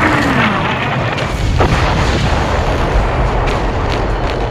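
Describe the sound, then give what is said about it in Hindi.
Continuous heavy rumbling booms of bombs dropped by six Pakistani F-86 Sabre jets exploding on Srinagar airfield, loud and dense throughout, with a faint rising whine sweeping through the middle and sharp crackling bursts on top. No voices. “पाकिस्तानी विमानों ने एयरफील्ड में धुआंधार बम बरसाने शुरू कर दिए।”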